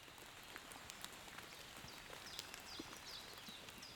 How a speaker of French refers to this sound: Une pluie fine.